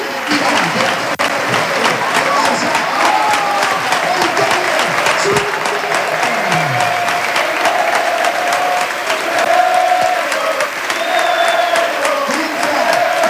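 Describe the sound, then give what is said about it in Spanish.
A stadium crowd gives a sustained ovation for player Marcos Iberio as he is substituted off, dense applause and cheering rolling steadily for over ten seconds at full volume, with scattered whistles and shouts rising above the clapping. “Se llama Marcos Iberio y esta ovación es para él. Escuchen.”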